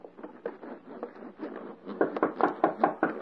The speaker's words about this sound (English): Hark. Someone knocks.